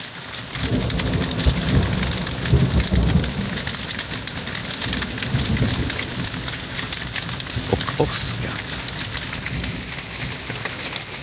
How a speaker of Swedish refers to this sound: Jag kan berätta att det haglar, ser vitt ut, trädgården.